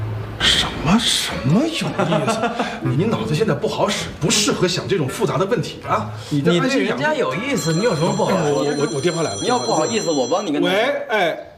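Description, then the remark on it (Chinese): A mobile phone rings with a bright, repeating electronic tone while people keep talking over it; the ringing is fairly loud and stands out most toward the end. “我电话来了。”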